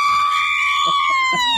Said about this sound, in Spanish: A ver, un grito mexicano.